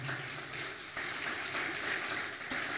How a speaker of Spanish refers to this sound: Un aplauso, por favor, al Señor.